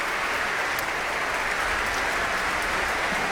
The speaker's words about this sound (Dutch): En applaus voor de verschillende muzici van het orkest. Santo Matthias Ruvali liet een paar van hen al opstaan voor dit applaus.